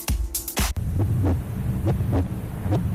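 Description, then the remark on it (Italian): A loud heartbeat in a Radio Skylab jingle thumps in steady lub-dub pairs, deep and booming over a low humming drone, after a few sharp bursts at the start. No one speaks. “Senti come batte forte il cuore.”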